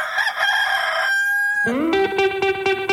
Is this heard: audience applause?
no